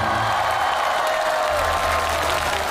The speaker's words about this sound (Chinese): 掌声有请许文彪和蔡明老师。